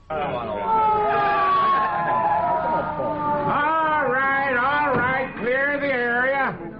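An ambulance siren wails in long slow glides, then switches to a rapid warbling yelp that rises and falls several times, sounding continuously throughout.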